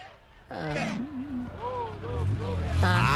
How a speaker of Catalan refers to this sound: Ah, no, escoltem el motor. A veure, el motor. El motor. Diu, per escoltar el motor.